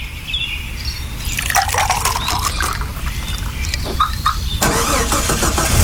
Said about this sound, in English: A car starter from Kelleher Tech. Need we say more?